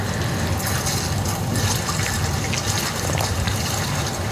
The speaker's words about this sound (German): Er gibt die Erde in seinen Holzbottich, gibt Wasser dazu.